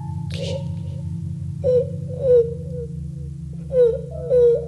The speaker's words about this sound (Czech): Ty pláče nějaký děcko.